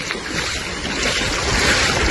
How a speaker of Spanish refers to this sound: anoche al verse anegado alguna de las calles debido a la crecida del arroyo de la Garandina. Este era uno de los sonidos que hemos podido recoger esta mañana. Increíble, mira.